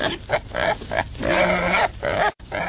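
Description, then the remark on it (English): Wild hogs in Michigan grunting and squealing in a rough, continuous series, with short rhythmic grunts giving way to a longer, louder squealing snort before a brief gap and more grunts. “Wild hogs are destroying crops, sensitive natural areas, and lawns.”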